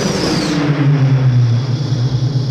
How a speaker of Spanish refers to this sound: Bajo el cielo nocturno despejado, el transbordador vuela hacia la ciudad.